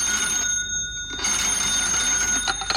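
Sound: telephone ringing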